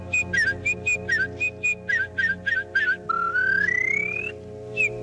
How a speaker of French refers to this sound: Ah non, c'est la fauvette, monsieur. Ah oui, je m'embrouille.